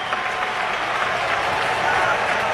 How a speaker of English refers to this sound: Crowd making noise.